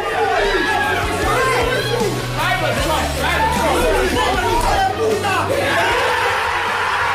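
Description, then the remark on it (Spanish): The whole Arsenal squad celebrating at the club's training centre after the final whistle confirmed them Premier League champions, with loud overlapping chatter, shouts and bursts of laughter forming a dense, continuous hubbub throughout. “Esta que escuchamos fue la locura que se desató en el centro de entrenamiento del Arsenal, donde estaba reunida toda la plantilla ganera al completo tras el pitido final de ese Bournemouth City que hacía campeón al Arsenal.”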